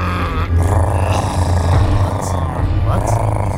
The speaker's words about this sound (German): Inzwischen wird der Hunger zu einem Problem, das sich nicht mehr ignorieren lässt. Immerhin knurren die Mägen so, dass man Mühe hat, sein eigenes Wort zu verstehen.